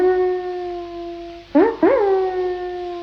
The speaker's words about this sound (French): Écoutez ce chien qui hurle à la lune.